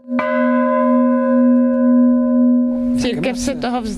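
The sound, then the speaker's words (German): A single church bell at the top of the church tower in Altrocknitz, a church abandoned since 1974, is struck once by hand, ringing out with a strong sustained tone that slowly decays, before a voice begins speaking over its lingering hum. “Wenn sie auf den Kirchturm klettert, über alte, ungesicherte Bretter, die als Stufen dienen, dann schlägt sie oben mit der Hand die Glocke an.”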